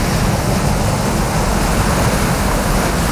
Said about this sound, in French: quand vous entendez la plage, la mer, les vagues, on va où? Madagascar. Ah, il n'y a pas que Paris dans la vie, il y a Madagascar aussi. Ouais, parce que... Dans l'océan Indien.